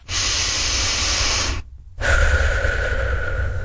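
A long, deep breath of fresh air out in nature, drawn in with a steady airy rush, a brief pause, then a loud, satisfied exhale with a slight voiced, sighing tone. No one speaks.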